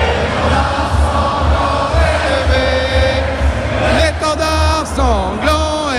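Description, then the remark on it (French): A huge crowd of about 6,000 supporters at the Zénith in Dijon, France, watching a match on a big screen, sings La Marseillaise at full voice on 14 July, thousands of voices blending into loud sustained notes, with shouts and cheers rising through the singing. “Et la Marseillaise en ce 14 juillet, une Marseillaise entonnée à plein poumon”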